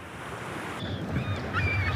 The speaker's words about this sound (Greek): Ακούς τη θάλασσα, μας ψιθυρίζει σιγά.